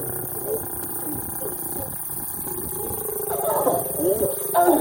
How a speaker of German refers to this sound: Das gibt es auch nicht oft. Zwei Löwen paaren sich am helllichten Tag direkt neben der Straße. Autos stehen um die Tiere herum, Kameras klicken, Handys filmen.